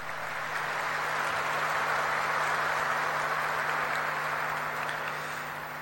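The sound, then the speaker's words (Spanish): An audience applauds steadily for about six seconds in recognition of a Capuchin Franciscan priest, a dense, even wash of clapping at moderate volume over a faint low hum, with no one speaking. “Nuestro reconocimiento con un fuerte aplauso para él.”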